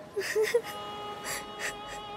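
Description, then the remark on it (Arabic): People weep softly, with a few short whimpering cries at first followed by shaky, gasping sobs and breaths spaced out over a couple of seconds, fairly quiet. “كفى بكاء، وإلا سأبكي معكما.”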